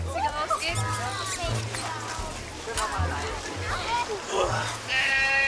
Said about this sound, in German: Achtung, Ziegen, der Bär kommt.